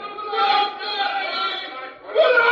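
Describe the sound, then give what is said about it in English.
A group of captives in a throne room, their minds controlled by the leader, screams together in a sustained, high-pitched chorus of overlapping voices, dipping briefly near the end before surging back just as loud. “And up above in the throne room, the captives, whose minds are controlled by the leader who think as he does, begin to scream.”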